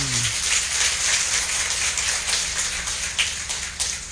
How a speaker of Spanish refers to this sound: Bien, fuertes aplausos a San Miguel Arcángel.